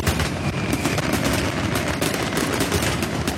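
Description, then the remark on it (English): A dense, nonstop barrage of fireworks crackling and popping in rapid bursts, loud, with a deep rumble underneath and no voices; used as a radio cue for a Gunning Fireworks Festival family ticket giveaway. “we'll have family fireworks tickets to give away when you hear this.”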